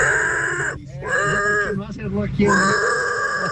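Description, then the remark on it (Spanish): A person loudly imitates a pig in a pig-imitation contest, letting out a string of harsh, strained grunts and squealing oinks in quick bursts. “No, pero estamos haciendo concurso de cerdos. De imitador de cerdo. Sí, el sonido de cerdo.”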